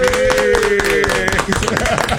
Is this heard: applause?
yes